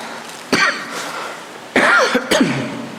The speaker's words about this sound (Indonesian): Batuk anak malam ini ya. Ini karena sebut-sebut Palu ini.